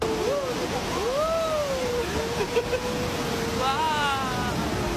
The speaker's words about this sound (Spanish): Es un río muy tranquilo, salvo como escucháis ahí en ese momento del audio, que hay algún pequeño rápido.